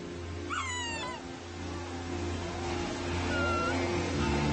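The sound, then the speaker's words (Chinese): A sea lion pup calling for its mother gives a wavering, bleating cry early on, followed by a few fainter, thinner calls, all over a steady low rumble of background noise. “很小的时候，海狮宝宝只能呜咽或者咪咪叫，妈妈的叫声和气味指引着宝宝回到她身边。”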